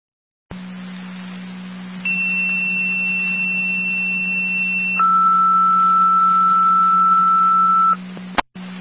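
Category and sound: signal or alarm, fire dispatch paging tones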